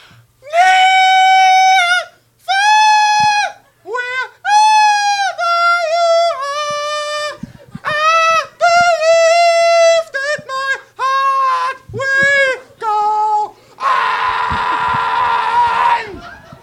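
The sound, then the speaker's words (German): A nightingale named Nora's shrill, untrained screeching: a loud, jerky run of piercing, off-key notes, some held and some clipped, ending in one harsh, raspy squawk. No one speaks. “Das schrille, ungeübte Kreischen, das zum Trommelfell zerfleischen, der kakophone Notenschwall, der stammt von Nora, einer Nachtigall.”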